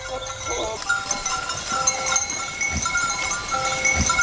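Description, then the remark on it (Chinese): Black goats bleat among a busy herd in Xianjing village, Liangping District, Chongqing, with scattered calls over a steady bed of farmyard noise and faint clinking bells, no one speaking. “这为发展养殖业创造了得天独厚的自然环境，使得仙境村养殖黑山羊已有上百年的历史。”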